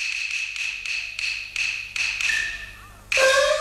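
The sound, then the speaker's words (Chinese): A steady series of about eight evenly spaced knocks on a door from outside, followed by a louder ringing metallic clang at the end, with no one speaking. “外边何人叩门？”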